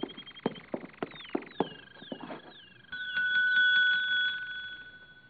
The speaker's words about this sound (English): There's a bell over in the desk. It might be a help.